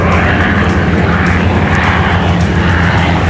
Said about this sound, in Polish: Z kolei dziś w południe nad Wisłą przeleciały wojskowe samoloty i śmigłowce.